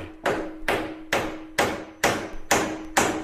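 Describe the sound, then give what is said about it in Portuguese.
Seven sharp blows from a tuned Wonder-brand hammer land at a steady, even pace, each ringing with a pitched tone so the strikes sound like notes of a tune. They are clear, with no voices. “Na Wonder até o martelo é afinado, hein?”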